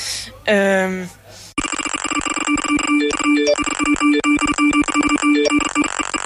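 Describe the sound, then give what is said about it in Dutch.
A short voiced exclamation gives way to a loud, busy electronic ringtone with rapid repeating tones and chirps, like a mobile phone going off with several alerts at once, continuing to the end. “Ja, telefoon. Pak hem maar.”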